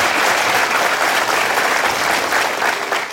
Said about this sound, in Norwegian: Så stor applaus for at dere blir flinkere.